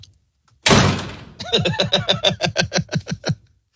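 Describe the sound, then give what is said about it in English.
A loud burst of noise, then a quick, steady run of about a dozen sharp knocks on a door, fairly loud, with no one speaking. “Who's at the door?”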